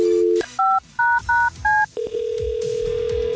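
A steady telephone dial tone cuts off, followed by four quick, evenly spaced touch-tone beeps as a number is keyed for a phone call, then a continuous line tone hums on. Clear, with no talking.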